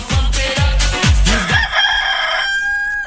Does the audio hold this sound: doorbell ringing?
no